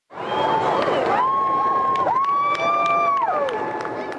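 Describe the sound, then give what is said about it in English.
A crowd at the legislature in central Edmonton, Alberta cheers and shouts steadily for about four seconds while a loud whining jet tone holds and then slides downward in pitch as Canadian Forces Snowbirds aircraft roar past overhead in a ceremonial flyover. “A good crowd showed up at the legislature as the iconic military flight team conducted a series of ceremonial flyovers over central Edmonton.”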